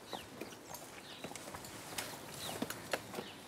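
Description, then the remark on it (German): A cow's hooves clomp unevenly up a steep staircase, a series of hard, irregular knocks, with faint bird chirps in the background and no one speaking. “Normalerweise würde keine Kuh freiwillig eine steile Treppe hochlaufen.”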